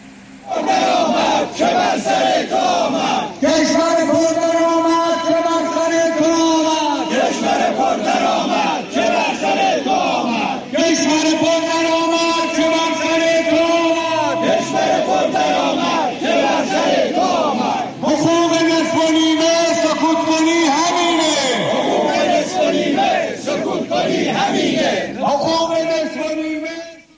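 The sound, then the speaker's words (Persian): A large crowd of shopkeepers from Tehran's Jannat Bazaar chants a slogan in unison while protesting the seizure of their assets in front of the Tehran City Council on Saturday, 9 Khordad. Loud, rhythmic phrases repeat in roughly four surges, with a brief lull of mixed voices between each. “این شعار جمعی از کسبه بازار جنت در تهران بود که علیه غارت دارایی‌هاشون توسط حاکمیت آخوندی روز شنبه 9 خرداد در مقابل شورای قلابی شهر تهران تجمع اعتراضی برگزار کردند.”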